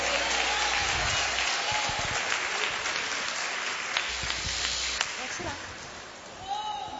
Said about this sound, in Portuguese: Vocês, mulheres de fé, salta a igreja com a paz do Senhor Jesus. Palmas que louva o nome do Senhor.